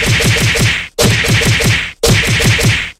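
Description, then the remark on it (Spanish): A loud whip-crack sound effect, the "cocazo" played on a radio show at a listener's request, fires three times in a row, each burst a harsh, rattling snap lasting almost a second before a brief cut. No one speaks. “Y mándale un cocazo, gracias.”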